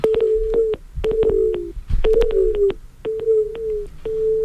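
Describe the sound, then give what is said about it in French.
A phone line drops, leaving a steady string of about six short, even beeps repeating over crackly line noise and sharp clicks. The tones are clear and fairly loud, with no talking. “Ah, ça a raccroché, ça a coupé.”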